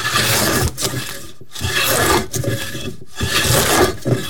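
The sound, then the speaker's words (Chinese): A blade carving wood in Sanyi, three long, loud, rasping strokes, each separated by a brief pause, with a gritty scraping texture and no voices. “在三义从事雕刻艺术15年，喜欢的并不是听见客户对于作品的赞叹，而是听见自己专注的声音。”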